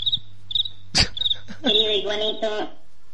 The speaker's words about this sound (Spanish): Rayos. El grillo, por favor.